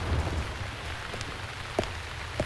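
Steady rain pours down, a dense hiss with a low rumble underneath, and a few sharper drips or taps land now and then. No one speaks.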